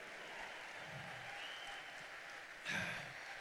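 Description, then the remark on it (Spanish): Steady crowd applause fills the space, a dense wash of many hands clapping at once, swelling a little louder near the end with some cheering mixed in. “Dale fuerte el aplauso.”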